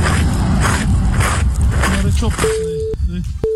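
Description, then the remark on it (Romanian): Loose gravel coming out of a freshly laid asphalt road surface crunches and grinds in a dense, continuous rush for a couple of seconds, with a brief voice, then a steady electronic beep tone takes over. “Ai văzut cum iese din asfalt? Se aude pietrișul?”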